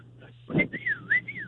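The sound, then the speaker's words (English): A person whistles a short rising-and-falling call, a quick two-part swooping tune like someone summoning a dog, clear over a faint background hum. “he does this stupid little whistle in the middle of the store and expects me to answer him”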